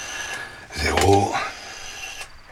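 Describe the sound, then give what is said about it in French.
A rotary telephone dial turns and spins back once while a phone number is dialed, a short mechanical whirring rattle lasting under a second against a quiet background. “Je vais téléphoner au Dupont et Dupont.”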